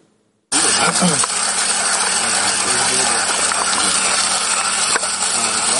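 Coffee beans being ground by a Ukrainian soldier, a former barista, on the Dobropillia front: after a brief silence, a loud, harsh whirring grind starts abruptly and keeps going steadily at an even level until the end.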